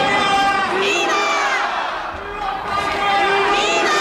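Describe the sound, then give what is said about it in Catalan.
A protest crowd at a demonstration for Ceuta in Figueres loudly shouting "viva España" in unison, many voices rising and falling together in sustained chanted cries, continuous with a brief dip midway. “Clar, respon als crits de viva, viva, a un viva Espanya, eh?”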